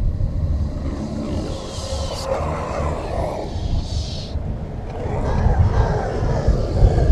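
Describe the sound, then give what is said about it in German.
A loud, close roll of thunder, a deep continuous rumble that churns for several seconds and swells heavier toward the end, with no voices over it. “Im ersten Moment hielt sie es für einen grässlich laut grollenden Donner in unmittelbarer Nähe, erkannte aber nach einigen Sekunden mit vor Entsetzen geweiteten Augen, dass es sich keineswegs nur um einen Donner handelte.”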